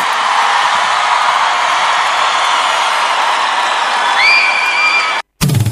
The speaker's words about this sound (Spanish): Den un aplauso fuerte a Ulises de Rescate.